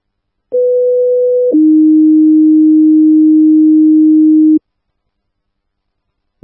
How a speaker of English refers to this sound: Engine 48, standby for medical, 405 Kingsway, 405 Kingsway, standby for tones.